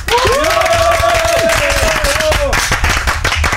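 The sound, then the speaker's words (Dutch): A crowd applauds loudly and steadily, dense clapping filling the whole stretch, with a long, sustained whistle or cheer rising over it during the first two and a half seconds. “Al even een tussentijds applaus.”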